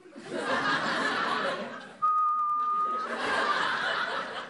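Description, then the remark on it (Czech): A person whistles a single steady, sustained note for about a second, surrounded by laughter and snickering that continue before and after the whistle. “Já umím pískat.”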